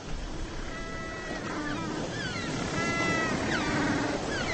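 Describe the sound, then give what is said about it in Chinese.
A mated pair of African penguins, also called jackass penguins, bray back and forth in a duet, with repeated harsh, donkey-like calls rising and falling over steady surf and wind noise. “因为这种叫声，这些闹哄哄的家伙又被称为公驴企鹅。”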